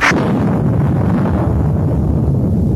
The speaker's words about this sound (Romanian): Ce e asta, tunet iarnă?